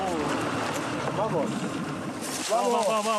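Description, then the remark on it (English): A small boat moves across water among reed islands of the Uros, its steady rushing, wind-blown noise filling the background while people talk over the constant hiss. “This time, … and I get on the boat.”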